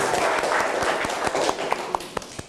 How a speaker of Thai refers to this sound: ทุกคนปรบมือให้กำลังใจเพื่อนหน่อยเลย